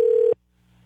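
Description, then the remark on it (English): A single steady electronic ring tone on an outgoing cell phone call sounds for about a third of a second, fairly loud and clean, then cuts off into faint line hum with no one talking. “Waiting for the ring.”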